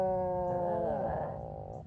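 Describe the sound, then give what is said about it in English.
An Atlantic puffin gives a low, drawn-out groaning call, a single moaning note that wavers slightly in pitch, rather like a cow's moo, lasting about two seconds with no talking. “The Atlantic puffin sounds like a cow.”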